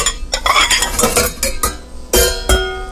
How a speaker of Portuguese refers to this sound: bom dia a galera que tá aí nos restaurantes, lavando prato, lavando panela. É, a galera lá, ó.